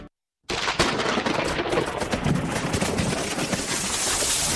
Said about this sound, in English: What was that? Oh, it looks like the storm snapped that old tree in the backyard.